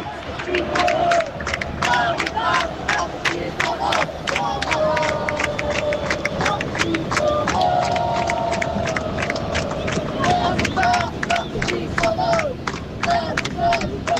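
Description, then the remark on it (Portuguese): A large football crowd of fans at the Maracanã stadium roars in a continuous wall of noise, with sharp rhythmic claps and shouts cutting through the steady, loud chanting of fans throughout. “Só para vocês sentirem um pouquinho da torcida aqui direto do Maracanã.”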